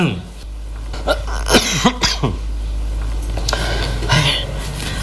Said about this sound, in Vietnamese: Sao ho dữ vậy?